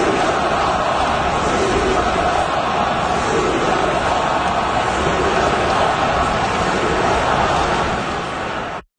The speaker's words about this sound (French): Donc, si vous avez pas bien compris ce que la foule scandait, on chantait « shoot the puck », tirer la rondelle.